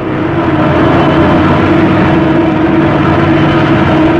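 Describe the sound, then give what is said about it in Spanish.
A light aircraft's engine drones steadily as the plane descends, its fuselage shuddering: a loud, constant drone with a strong low hum and a rough, vibrating texture, with no voices. “La avioneta descendía peligrosamente. El fuselaje se estremecía y parecía a punto de deshacerse.”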